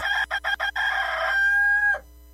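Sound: rooster crowing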